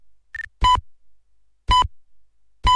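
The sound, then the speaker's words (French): Loud electronic radio time-signal pips marking 4 o'clock sound about once per second: three strong, buzzy tones preceded by a brief, softer higher beep, with silence between them and no voices. “quatrième top, il sera 4 heures.”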